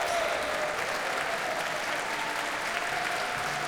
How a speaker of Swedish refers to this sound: Här är de ikväll, alltså George Benjamin och Barbara Hannigan tillsammans med Sveriges Radios symfoniorkester. Och hon får komma ut på scenen en gång till och ta emot publikens applåder.